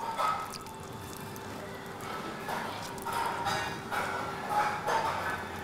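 Water is applied to cool hardening plastic filler, which heats up as it cures, during a repair on a Galapagos giant tortoise: a run of soft, wet dabs and splashes, with dripping and squishy bursts over a steady low background hum.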